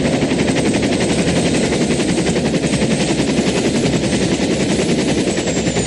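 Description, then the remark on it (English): A helicopter circles a building and descends to a helipad with a shimmering ice surface; its rapid, steady rotor chop thuds over a loud, continuous engine roar, unchanging in loudness throughout, with no voices. “And begin their descent to a helipad with a shimmering ice surface.”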